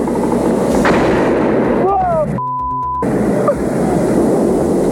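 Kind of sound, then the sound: impact, gunfire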